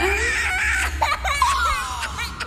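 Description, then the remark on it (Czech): A baby cries and babbles, a string of short, wavering fussy wails and coos over a steady low background hum. “Děcko. To vám pro dnešek musí stačit.”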